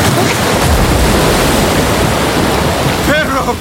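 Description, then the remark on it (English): Loud, churning river water roars steadily throughout, a dense rushing wash with no breaks; near the end a brief voice cries out over the torrent. “Behold, with this rod, I will strike the waters, and they shall be turned to blood.”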